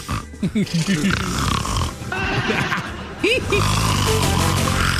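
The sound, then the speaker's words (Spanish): A person mimics Donald Trump snoring with their voice: a quick run of short, throaty snorts followed by longer, drawn-out rasping breaths, fairly loud. “Roncando. Le hacía.”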